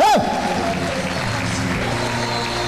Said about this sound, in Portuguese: Aplaudam o nome do Senhor Jesus de Nazaré.